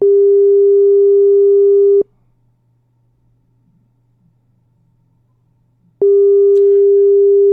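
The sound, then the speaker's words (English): A phone's ringing tone sounds twice, each a loud, steady two-second electronic burst separated by a long silent pause, with a faint low hum running underneath. “Your phone, they ring.”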